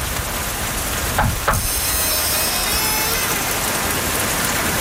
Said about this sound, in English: Wait. Can you knock on the door? Seriously? Fine.